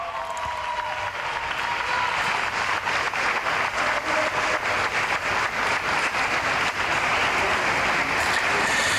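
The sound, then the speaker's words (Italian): Sustained applause from a large crowd of faithful inside Barcelona's cathedral welcoming the Pope, a dense steady patter of many hands clapping in a reverberant space that continues without pause, with no voices standing out. “Il Papa è accolto anche da un applauso, naturalmente, dai fedeli che sono invece all'interno della cattedrale.”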